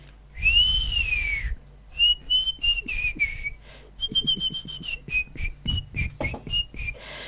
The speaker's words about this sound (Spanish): Si sabes silbar mejor que todos los vagos.